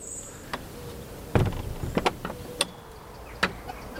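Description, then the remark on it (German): A steady, low wash of expressway traffic noise carried by the wind near a bird sanctuary rises and falls with the wind, broken by a handful of sharp, irregular clicks and knocks. No one speaks. “Der Wind trägt die Geräusche einer Schnellstraße heran.”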